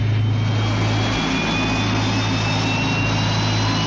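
A loud, steady aircraft engine roar with a deep droning hum and a thin high whine running through it, holding constant throughout with no voices.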